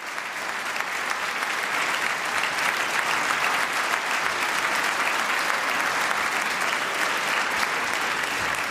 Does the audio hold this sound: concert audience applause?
yes